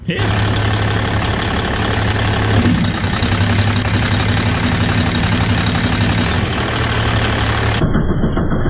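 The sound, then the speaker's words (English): A truck engine runs loudly and steadily with a knocking, rattling texture while its pistons are manually activated with a pick. Its tone shifts a few times as the parts are worked, and the noise cuts off near the end. “You can manually activate these with a pick while the truck's running.”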